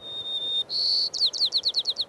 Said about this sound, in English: In 1969, the sparrows sang at a lower pitch.